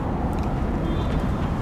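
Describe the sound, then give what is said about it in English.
A steady low rumble of city traffic fills the scene, a dense continuous wash of passing vehicles with no distinct horn blast standing out and no one speaking, heard from a graveyard garden in Southwark, London. “Passerbys, car honks.”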